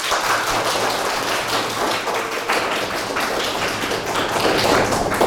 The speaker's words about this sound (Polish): Myślę, że dla dodania otuchy zachęcimy nasze prezentatorki, dodamy im troszeczkę odwagi, prawda? Poproszę też o brawa.